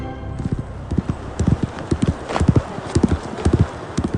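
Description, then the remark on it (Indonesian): Horse hooves clip-clop in a steady, rhythmic series of sharp, distinct knocks, continuing throughout over a faint background hiss. “Dari tenis kita ke pacuan kuda.”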